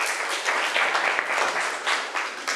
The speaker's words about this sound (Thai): นักเรียนค่ะขอบคุณกลุ่มที่3มากๆเลยปรบมือให้เพื่อนอีก1ครั้งค่ะ